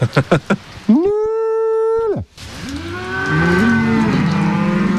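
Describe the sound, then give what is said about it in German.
Cows on an alpine pasture that know their keeper's voice moo loudly: one long, steady bellow, then a deeper, wavering moo that carries to the end, preceded by a few short rhythmic calls. “Die hören auf dich.”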